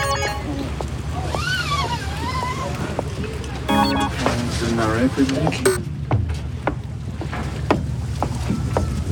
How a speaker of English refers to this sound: To the boat. I'm down on the docks right now waiting for all these people to come.